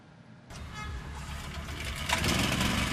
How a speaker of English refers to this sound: Generators now provide the soundtrack to daily life on Aden streets.